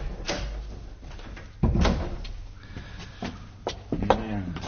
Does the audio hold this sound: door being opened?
yes